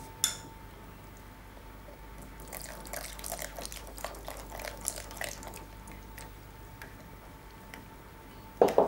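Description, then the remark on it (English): Water is poured into a flour and milk mixture, trickling and splashing in a quick run of soft, wet pours and drips, with a steady low hum underneath and a couple of sharper clinks near the end. “And now the water.”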